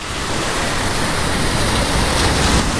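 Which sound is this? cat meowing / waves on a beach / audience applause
waves on a beach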